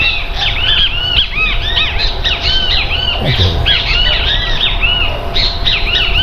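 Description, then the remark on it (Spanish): A great kiskadee calls loudly and repeatedly, its harsh, arching notes tumbling over one another in a steady stream, with a low rumbling background beneath. “Este es muy conocido, ¿no? Y las abuelas le decían bicho feo. Bicho feo, porque decía bicho feo.”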